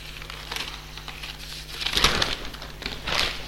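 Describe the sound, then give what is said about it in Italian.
A newspaper page rustles and crinkles as it is turned during a reading of local news, with soft papery crackles building to a louder swish in the middle and another brief rustle near the end, with no talking. “Giro pagina e vediamo.”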